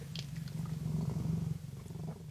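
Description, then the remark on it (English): A cat named Morrissey purrs steadily at the CFRC 101.9 FM radio station in Kingston, a low, rumbling drone with a faint rhythmic pulse, fairly soft and unbroken for a couple of seconds with no voices over it. “here with me and my cat, Morrissey, the good-looking and pleasant to be around.”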